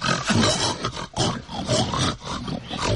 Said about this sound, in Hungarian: A társak az olban keservesen röfögnek.